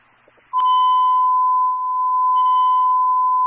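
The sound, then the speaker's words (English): A loud, steady electronic alert tone starts abruptly after a brief burst of noise and holds at one pitch for about three seconds, a fire dispatch alarm alerting Engine 15, with no talking. “Alarm engine 15.”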